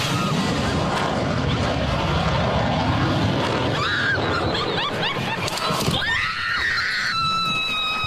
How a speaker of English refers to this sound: And here's what it sounded like. You'll hear somebody laugh, and then it goes into blood-curdling screams.